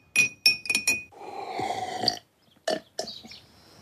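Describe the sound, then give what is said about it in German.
A spoon clinks four times in quick succession against a glass with a bright ringing tone, then a steady watery rush as hot water is poured over flower-infused juice and a teaspoon of honey, followed by two more sharp clinks of vigorous stirring. “Nun mit heißem Wasser aufgießen und kräftig umrühren.”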